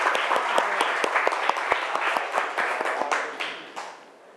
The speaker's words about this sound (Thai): เอาปรบมือเพื่อนก่อน